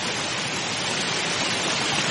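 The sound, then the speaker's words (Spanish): Summer meltwater on a glacier's surface rushes steadily down into small cracks and sinkholes in the ice, a dense, continuous hiss and roar with no pauses, fairly loud throughout. “El agua se precipita buscando pequeñas grietas y sumideros.”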